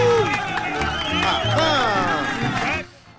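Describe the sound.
A crowd applauds and cheers for about three seconds for the Miraflores district, steady clapping mixed with excited shouting voices, then the noise cuts off abruptly.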